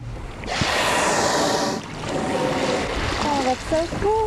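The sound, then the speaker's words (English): Five gray whales feeding on herring eggs among kelp in Sitka Sound in early May surface and splash around a 20-foot inflatable boat, with a loud, rushing burst of water and spray followed by lapping waves. A person's voice exclaims near the end. “It's early May, and five gray whales weave between the kelp as they feed on herring eggs in the water around our 20-foot inflatable boat.”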